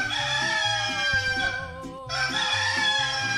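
A rooster crows loudly, two long strained calls separated by a brief pause, with a low pulsing rhythm underneath, played at 5:39 in the morning to wake listeners. No one speaks.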